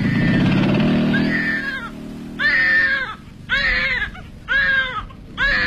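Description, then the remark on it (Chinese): An infant left on a bench in a street garden late at night cries in a series of four loud, rhythmic wails with short pauses between them, following a few seconds of low rumbling background noise like a passing vehicle. “这么晚了，谁家的婴儿还丢在这街心花园的长椅上？”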